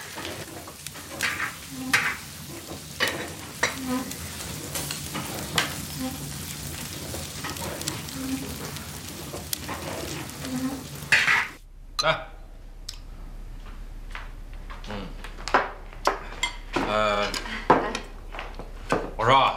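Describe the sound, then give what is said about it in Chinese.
Food sizzles loudly in a pot over a fire, close to burning, with a steady hiss while a utensil stirs and scrapes in quick clicks; the frying noise then drops away, leaving sporadic clatter and some voices. “火，小点火，锅都要糊了。”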